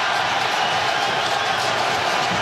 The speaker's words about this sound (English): And the cheering you hear is actually the Paraguayan fans who are loving this. This is what they want to do.